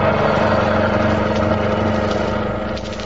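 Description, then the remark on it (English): A car engine runs with a steady, loud, low rumbling drone and even harmonic hum, continuous throughout, easing slightly in level near the end. “Get this car going.”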